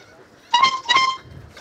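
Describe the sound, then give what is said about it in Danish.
A boat horn, played by the boat's owner to sound out a piece of music for a listener to guess, honks two short, bright notes in quick succession, like the start of a tune, loud, then fades into quiet low rumble. “Og han vil nu sammen med ejeren af båden Trutte Dytte et stykke musik, som vores lytter, der har ringet ind,”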